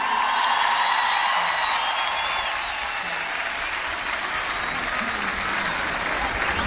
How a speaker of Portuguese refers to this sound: Queremos uma salva de palmas para toda a nossa equipa, os nossos músicos.